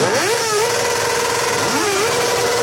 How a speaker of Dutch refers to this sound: Zij werden uit hun bed getrild door het geluid van brommers zonder knalpijpen. Luilak heet dat. Zo hard mogelijk geluid maken.